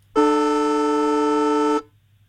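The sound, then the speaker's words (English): A football extra time siren, for week one of the NRL finals: a single loud, sustained blast with a buzzy, horn-like tone holds steady for about a second and a half, then cuts off abruptly. There is no talking. “the extra time siren.”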